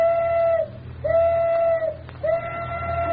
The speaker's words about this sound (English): arrangements went ahead, and at 12:05 on the crowded and noisy waterfront, the tugboat Elsie whistled that she was ready for her part of the experiment.